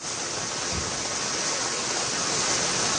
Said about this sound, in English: At least two people have died as torrential rain causes heavy flooding.